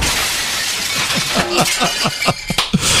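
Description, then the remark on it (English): A sliding glass door shatters loudly as a person runs into it head first, followed by a rapid cascade of tinkling shards clattering down over about three seconds, with no voices. “Actually, I think the door was closed, and I think it was a sliding glass door, and I believe she ran into it head first.”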